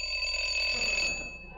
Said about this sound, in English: I rang the bell.